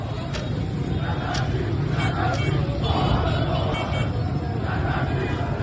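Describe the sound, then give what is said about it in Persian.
A steady outdoor din of many overlapping voices and low traffic rumble, with brief higher clatters now and then, at the Alaeddin shopping arcade on Jomhuri Street as shop shutters come down. “پاساژ علاءالدین، خیابان جمهوری، کرکره ها پایین می آید.”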